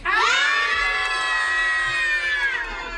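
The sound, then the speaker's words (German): A group of children from the RIMPA holiday programme, visiting the Gong radio studio during the Whitsun holidays, shouts loudly together on request in one sustained, high-pitched yell lasting about three seconds, intense, with no talking. “ich bin ja der Chef der Sendung, deswegen dürft ihr jetzt alle mal ganz laut schreien.”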